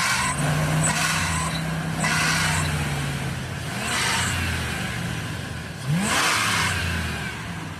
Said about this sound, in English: Yeah, like if I'm pulling out of a parking lot or trying to pass you. So maybe. So it's when the engine's really revved?